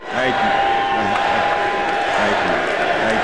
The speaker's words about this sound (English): Chants come from the crowd at Fitzgerald's induction ceremony in Canton, Ohio.